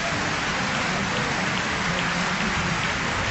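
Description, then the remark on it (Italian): A steady, dense wash of clapping from a crowd, loud and continuous for a few seconds without pause, with no voices rising above it. “Meritati applausi, meritatissimi.”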